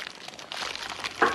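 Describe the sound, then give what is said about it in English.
Eggs sizzling in hot fat in a frying pan: a steady, crackling hiss with bright spitting pops that swell louder toward the end, with no voices over it. “Nice sizzle.”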